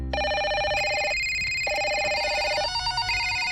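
Several telephones ring at once, their steady electronic tones overlapping and switching pitch in a busy, continuous chorus with no talking.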